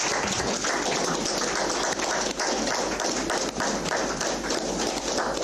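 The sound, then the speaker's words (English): An audience rises and claps steadily throughout for the regional Governor of the Omsati region as he comes to deliver the State of the Region address: a dense wash of many hands applauding at once with no pauses. The clapping is loud and continuous, and no voices stand out. “May we rise, clapping hands for him.”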